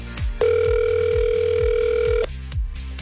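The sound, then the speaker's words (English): A telephone line tone sounds once, a steady electronic note held for about two seconds, loud, over a pulsing low background beat with no one talking, as a radio station in Portage phones a contest winner. “Let's make that phone call to the winner of road trip number 2.”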